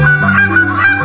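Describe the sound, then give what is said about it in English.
A man demonstrates a championship goose calling technique, imitating a goose with a loud honking call, a short run of nasal honks with a strong buzzy tone, heard alone without talking. “demonstrating his championship goose calling technique”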